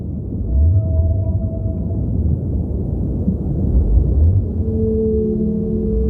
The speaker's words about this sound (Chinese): 那是蓝鲸的叫声。蓝鲸也要进行长距离的迁徙，鲸鲨与蓝鲸有时会在途中相遇。